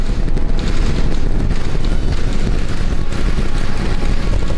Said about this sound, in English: Alright, little more than 35 seconds into the flight, 33 out of 33 engines lit on. The massive rocket blasted off from SpaceX Starbase in Texas on an ambitious 14th test flight.